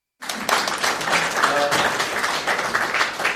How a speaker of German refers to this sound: Ja, gerne Applaus.